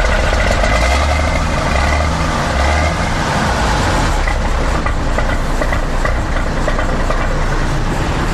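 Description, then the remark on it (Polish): The engine of a carefully restored vintage Autosan bus of Kraków's MPK runs steadily, a loud, continuous low rumble with rattling mechanical clatter throughout and no one speaking. “Z wielką pieczołowitością odrestaurowany tenże pojazd.”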